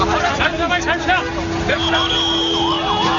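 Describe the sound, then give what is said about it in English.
A detention bus approaches through a noisy crowd of protesters in India, its engine droning steadily while a wavering siren rises and falls above the crowd's chatter and shouts. “Watch out, there's another one coming.”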